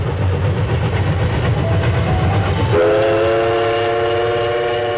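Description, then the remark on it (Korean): A train runs slowly along the rails through spring countryside of rapeseed flowers and rice paddies with a steady low rumble, then a sustained multi-tone horn sounds partway through and holds to the end. No one speaks. “기차가 천천히 달리는 동안 창밖에는 유채화와 벼밭, 보드나무가 푸르게 펼쳐졌다.”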